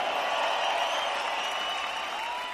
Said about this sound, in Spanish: ¡Que sigue ese aplauso chido para estas grandes cantantes rocarroleras!